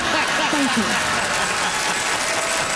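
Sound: audience applause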